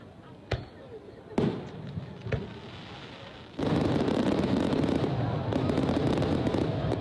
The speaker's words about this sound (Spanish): Yo vi los últimos cohetes y la verdad estoy impresionado del despliegue. Mirá, allá hay más. Impresionante.